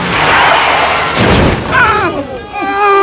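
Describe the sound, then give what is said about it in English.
A minibus traveling much too fast slams into a car: a rushing roar builds into a loud, crunching impact, followed by high, wavering cries of people over the fading racket. “I was traveling back home on a minibus when the bus, traveling much too fast, collided with the car.”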